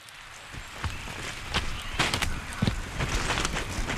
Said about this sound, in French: Aujourd'hui, la pluie domine les sons extérieurs.